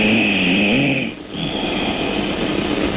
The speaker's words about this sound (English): She's going to snore herself awake by the sound of it. She got closer to the phone. Yeah. Or the snoring got louder, I don't know.